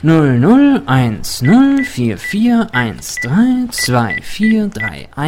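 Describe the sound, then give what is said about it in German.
Several short, thin electronic beeps from a phone keypad sound at irregular intervals as the digits of a mobile phone number are pressed, partly buried under continuous conversation between people. “Sollen wir anrufen?”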